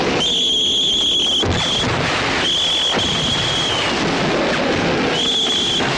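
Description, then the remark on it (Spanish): Shrill, high-pitched whistles signalling the start of a military attack in a film scene blow in several long sustained blasts with short gaps between them, over a constant rough rumble of noise and scattered bangs. No voices. “Cuando llega la hora, empieza a sonar los silbatos.”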